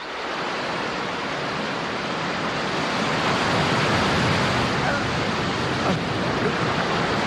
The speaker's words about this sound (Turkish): Aşağı baktığımda sivri sivri kayalar ve onları döve döve köpüren haşmetli dalgaları görüyordum. Bir 10 metre vardı herhalde.